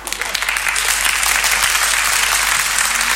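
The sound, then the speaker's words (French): A crowd claps steadily, a dense wash of many hands applauding at a constant, fairly loud level with no pauses or voices rising above it. “Ils applaudissaient plus fort que ça, je crois.”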